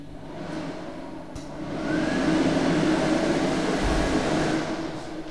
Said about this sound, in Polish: Mogę włączyć suszarkę.